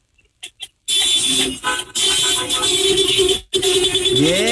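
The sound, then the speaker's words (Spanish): Several car horns from cars lined up in the Boston Pizza parking lot at Avenida Constituyentes, corner 115, blare together at a radio host's request in a sustained, overlapping chorus, loud, with brief pauses between long honks and a few short toots at the start. “A ver, toquen el claxon todos los que están formados.”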